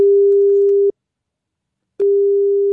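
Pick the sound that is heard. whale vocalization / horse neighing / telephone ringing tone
telephone ringing tone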